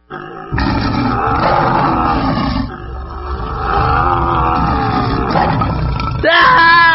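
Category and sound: animal, tiger roaring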